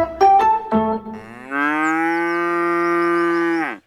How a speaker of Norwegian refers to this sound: Da der var lyden av en ku på utmarksbeite.